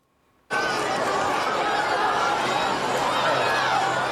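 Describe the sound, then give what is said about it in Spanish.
A crowd in Talavera de la Reina, Toledo, greeting Queen Letizia in the morning erupts suddenly into loud, dense shouting and clapping after a brief quiet moment, the excited roar holding steady throughout. “Gritos, aplausos, selfies y abrazos.”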